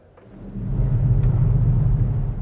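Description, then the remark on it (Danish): An organ's thunder pedal, a large pedal above the pedal keys that presses all 12 lowest pedal keys at once, sounds a deep, dense rumble of its lowest notes, swelling in over half a second and holding steady like a soft, distant storm. “Når jeg træder på den, så træder jeg på alle de 12 nederste tangenter på én gang. Og det kan være et meget, meget, meget diskret og fjernt uvær.”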